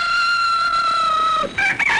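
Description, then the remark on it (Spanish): A rooster crows once, loud, a long strained cock-a-doodle-doo that breaks into a higher, wavering final note, lasting about two seconds with no voices around it, opening a 9 to 10 a.m. morning segment. “Señoras y señores, de 9 a 10 de la mañana haremos costumbre esto que se llama la hora del gallito.”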